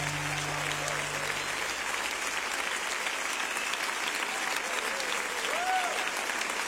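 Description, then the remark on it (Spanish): Sustained audience applause, a dense steady patter of many hands clapping at an even loudness for several seconds, with no voices standing out. “dele fuerte este aplauso a él.”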